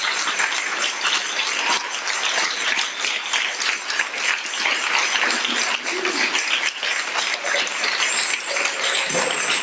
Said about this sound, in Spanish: Si ese aplauso es para mí, es mucho. Pero si es para Cristo, déselo fuerte.